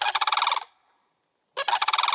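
Sandhill crane and other crane calls, pitched down and layered to be used as a creature sound: two loud bursts of rapid, rattling honks with a short silence between them, and no talking.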